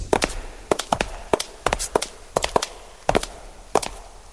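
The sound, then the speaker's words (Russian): Footsteps walking across a hard floor in a hall of the Museum of the History of Religion in St. Petersburg, heading to the Russian painting hall; sharp clicking heel strikes at a steady walking pace, about a dozen steps, with no one speaking. “Давайте пройдем в зал русской живописи.”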